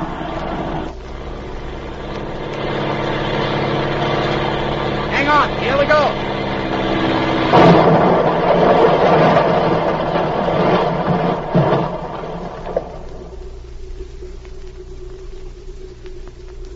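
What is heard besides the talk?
small plane engine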